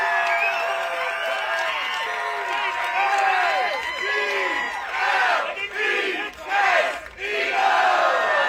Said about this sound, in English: This is a much happier NFL fan clip. They're cheering about something, and guess in the room, why are they cheering?